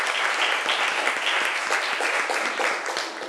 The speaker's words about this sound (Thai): ขอเสียงปรบมือให้กลุ่มที่3หน่อยครับ